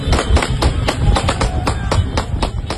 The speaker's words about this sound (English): At first, it could be a snapshot of small-town Sicily. Hooves on tarmac, scooters beeping, and people shouting from the roadside. But then come the gunshots.